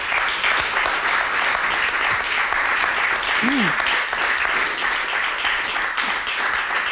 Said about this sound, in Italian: Come non farlo questo applauso?